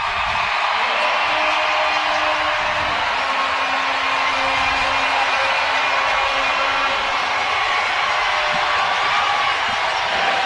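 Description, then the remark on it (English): A hockey arena crowd at a playoff game roars and cheers as the final seconds of regulation tick away and game three heads to overtime, a loud, unbroken wall of sound that holds steady for the full ten seconds, with no one speaking over it. “Listen to that crowd.”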